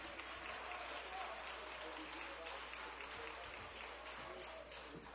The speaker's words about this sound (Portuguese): Vamos aplaudir ao Senhor em gratidão pela vida dos nossos irmãos. Isso.